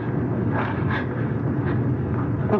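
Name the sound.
thunder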